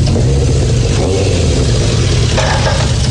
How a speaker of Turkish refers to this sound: Bu motoru nereden buldun